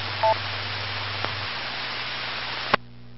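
Steady amateur radio static from interference on a repeater frequency, with a low droning hum that shifts pitch midway, a brief two-tone beep near the start and a click, then the noise cuts off abruptly with a squelch burst.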